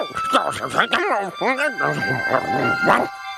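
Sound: dog barking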